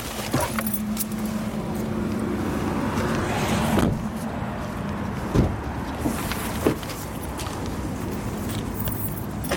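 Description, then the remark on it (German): Car interior noise with rustling, keys jangling, and a few sharp thumps like doors and movement as people climb out; a steady low hum runs underneath, with no speech. “Mir ist zu heiß im Auto, ich habe Hunger. Ja, wir können aussteigen.”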